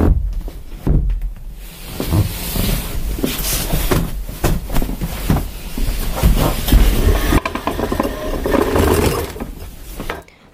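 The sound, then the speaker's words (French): A heavy moving truck arrives during a house move, rumbling steadily for about ten seconds, its low engine drone mixed with rattling metallic clanks and clatters, with no voices. “Attends, je crois que le camion il arrive, tu vois.”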